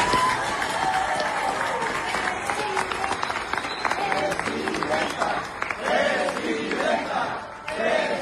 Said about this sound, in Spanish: No sé, primero un aplauso para la presidenta Claudia Sheinbaum.